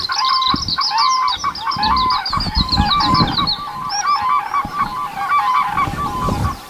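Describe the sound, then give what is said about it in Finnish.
Four or five common cranes on their territories call back and forth, answering each other in loud, overlapping trumpeting bugles, a powerful, echoing chorus of ringing, honking cries that carries for kilometres, rising and falling without pause and with no voices. “Joo, eli hyvissä oloissa voi kuulla 4 tai 5 kurjen huudon, kun ne vastaa toisillensa.”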